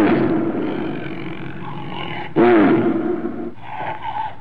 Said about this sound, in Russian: Иногда поздно ночью, когда город погружался в сон, я слышал его рев, доносившийся из-за холмов. Этот рев был скорее мрачным, чем свирепым.